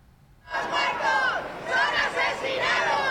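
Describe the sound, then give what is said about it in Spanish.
Victims of the DANA floods in Valencia, gathered outside the Spanish Congress, burst into loud, sustained shouting of "asesino" and "Mazón a prisión" at former Generalitat president Carlos Mazón after a brief quiet start, many voices overlapping in a dense roar that swells and surges in waves. “Le han recibido con gritos de asesino y Mazón a prisión.”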